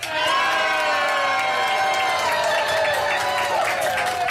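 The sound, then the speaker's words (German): A large audience at the Tag der Niedersachsen festival on the Löwenwall in Braunschweig, Germany, cheers and shouts loudly and continuously outdoors under sun and a few clouds, a dense wash of voices with whoops rising above it. “Und wir haben aber ein tolles Publikum hier immer noch.”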